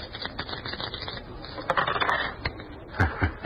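Old dice, kept for luck, rattle and tumble in a quick, uneven patter of small clicks as they are rolled for a natural in a craps game, with a few sharper clacks toward the end as they settle. No one speaks.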